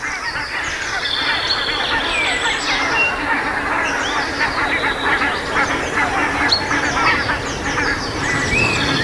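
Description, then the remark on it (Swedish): A large flock of geese honking continuously on their way out to the fields, dense overlapping calls filling the air at steady loudness, with no talking. “Man hör gässen på mig.”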